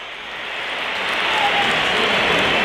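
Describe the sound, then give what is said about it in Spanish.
A large stadium crowd at a Real Madrid match makes a dense, steady wash of whistling and noise that swells slightly over a few seconds, with a few shrill whistle tones poking through the roar, whistling at Chouameni as he is substituted off. “Pitos para Chouameni.”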